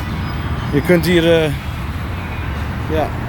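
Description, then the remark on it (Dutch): A steady low rumble of traffic on a very large road, the Dallas Turnpike, runs through the whole recording, with a brief voice speaking over it partway through and another short vocal sound near the end. “Ja, het grenst ook aan een hele grote weg. Ja. Wordt van hier verkeer...”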